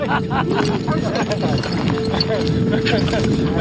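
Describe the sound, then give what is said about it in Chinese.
Horses' hooves pound in a quick, irregular clatter during a traditional horse-breaking session in which a group of veteran horsemen take on wild horses, mixed with indistinct voices and a constant noisy din throughout. “看着这群老伙计们与烈马交锋”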